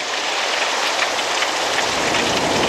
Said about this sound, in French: Ah bah c'est malin. Je parle de la pluie et la voilà qui s'invite.